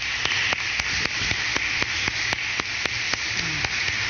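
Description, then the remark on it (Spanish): A crowd applauds for Ramón Emilio Pérez of Higuerito de Moca on his 107th birthday, in a steady, dense wash of clapping, with a few sharper claps cutting through at a regular, quick beat. No one speaks over it. “Él es del Higuerito de Moca, así que vamos a darle un fuerte aplauso a él.”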